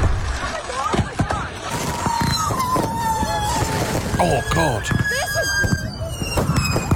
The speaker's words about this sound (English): See, the thing is, though, people didn't secure the fireworks.